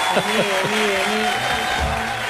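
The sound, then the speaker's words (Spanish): A steady wash of audience applause fills the whole stretch at an even loudness, with voices calling out and cheering over the clapping. “acá otro aplauso. Ahí está, mirá. Un gran aplauso.”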